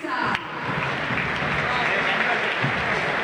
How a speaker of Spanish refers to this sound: Ahora, Galván, otro chico del semillero. Casi desapercibido. El 25. Aplausos para otro pibe de River Camp.